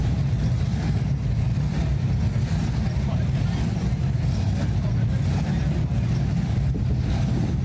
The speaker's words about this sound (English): The sounds of engines revving throughout Kearney as the Show and Shine took over the bricks. The classic hot rods paraded up and down 2nd Avenue into the night hours.